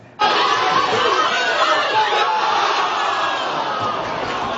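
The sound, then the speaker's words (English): Dozens of Portugal fans in jerseys at the Portuguese Community Center, Les Amis Unis, in Gatineau chatter and cheer loudly and continuously as their team plays the Democratic Republic of Congo, a dense wash of many overlapping voices and shouts that starts abruptly and stays steady throughout. “Dozens of Portugal fans put on their jerseys and gathered to cheer on their team as it took on the Democratic Republic of Congo.”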